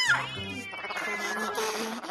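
A cat meows in a drawn-out, wavering call, its pitch sliding down, then continuing in a fainter, strained tone for a couple of seconds.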